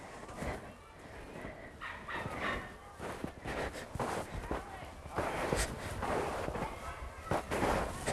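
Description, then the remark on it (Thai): Footsteps crunch and sink through deep snow in ordinary shoes after snowshoes are taken off, walking to the leftmost track to compare footprints; a steady run of muffled crunching steps with a voice talking now and then in between. “ถอดหมดแล้วเหลือแต่รองเท้าออริจินอลนะคะ เดี๋ยวเดินไปลายซ้ายสุดดูกัน”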